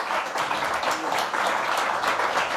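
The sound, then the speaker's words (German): An audience at the Berliner Hörspielfestival (Berlin radio play festival) applauds the nine nominated artists, a dense wash of many hands clapping at once with fairly even loudness throughout, no voices standing out above it. “ich finde, es hat nochmal einen Applaus verdient, dass wir hier 9 Künstler und Künstlerinnen hatten.”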